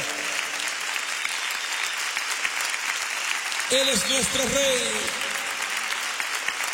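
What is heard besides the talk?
audience applauding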